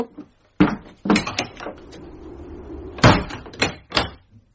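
A door is handled, a thud as it swings shut, followed by a cluster of sharp metallic clicks and rattles as it is locked, with no one talking.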